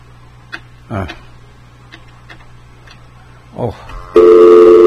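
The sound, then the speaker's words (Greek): A few faint clicks and brief rustles on a quiet telephone line during a radio call-in, then a loud, steady dial tone cuts in abruptly as the line drops and holds to the end. “Ωραία, έφυγε αυτή η γραμμή.”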